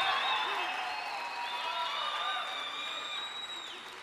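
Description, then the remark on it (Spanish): A church audience bursts into a shout of victory with loud, sustained applause mixed with shouts and high cheering voices, a dense, steady roar of clapping and celebration that carries on throughout without a pause. “Alguien va a tener que dar un grito de victoria aquí.”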